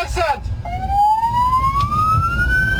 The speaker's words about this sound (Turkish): İstanbul Maltepe'de hasta taşıyan bir ambulans trafiğin kilitlenmesiyle yoluna devam etmekte zorlandı. Zamanla yarışan ambulans şoförü sirenlerini açarak yol istedi.